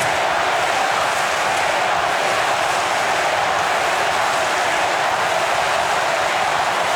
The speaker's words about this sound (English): And listen to the crowd.